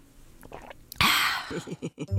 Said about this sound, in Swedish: är du inte lite torr i munnen nu när du har pratat så länge? Kanske du ska ta en rejäl klunk vatten?